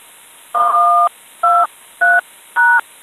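Four crisp telephone keypad tones beep in quick succession, each a steady dual-pitched note, the first longest, with short gaps between them and no voices.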